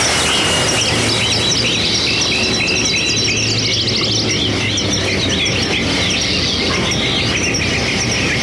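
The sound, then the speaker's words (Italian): A flock of rare birds sings a sweet song coming from Tepeyac hill at dawn, many bright chirps and trills overlapping at once over a low, steady background hum, with no talking. “Ancora albeggiava quando giunse nelle vicinanze del colle chiamato Tepeyac e udì allora venire dal colle un dolce canto, simile a quello di uno stormo di rari uccelli.”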